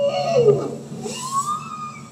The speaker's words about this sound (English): That's a bowhead whale.